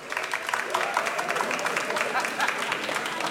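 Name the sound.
audience applause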